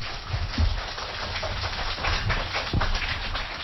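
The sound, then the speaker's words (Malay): Steady, dense applause from an audience opening Idola Anak, a kindergarten children's performance event, a continuous crackling wash of many hands clapping at once, fairly loud and unbroken for a few seconds with no voices over it. “Ayo kita mulai Idola Anak dengan semua tepuk tangan yang paling meriah.”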